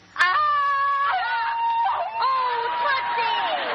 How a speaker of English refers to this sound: Now, let me hear you scream and then read the line.